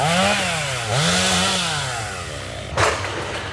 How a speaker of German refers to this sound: Auch ein paar Kilometer weiter in Ordrow ist das Dröhnen von Motorsägen weiter allgegenwärtig.